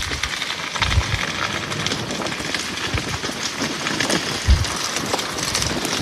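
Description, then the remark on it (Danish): Steady, dense crackling and hissing of a wildfire burning through forest floor debris in a region south of Paris, France, where it has spread over 800 hectares, with occasional soft low thumps and pops, continuous with no voices. “Nej, det er skovbunden i en region syd for Paris, hvor en naturbrand har spredt sig over 800 hektar”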